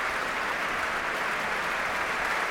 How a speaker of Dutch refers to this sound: Om dit applaus in ontvangst te nemen. Groot applaus ook van alle muzici van het Concertgebouworkest. Voor deze Zuid-Koreaanse toppianist.